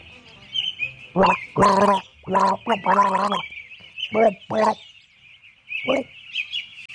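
Loud, bubbly gargling comes in about eight uneven bursts, some short and some drawn out, with a thin steady high tone running underneath throughout.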